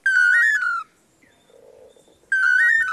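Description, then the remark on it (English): Two male long-tailed manakins in Central America sing a duet of clear, whistled 'toledo' phrases to woo females. Two loud bursts are separated by a brief quiet gap, with no voices. “Researchers have estimated that the dynamic duo may perform their Toledo song up to 5,000 times in one day.”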